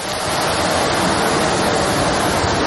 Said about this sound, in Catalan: Ja ho senten, la intensitat de la pluja és molt forta. De fet, Protecció Civil ha enviat un tercer missatge, és alert per a aquestes pluges, en aquest cas a Granollers, per la previsió de pluges torrencials fins les dues de la matinada.